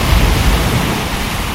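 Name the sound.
ocean waves sound effect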